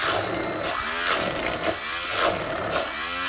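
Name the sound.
blender mixing cooked chickpeas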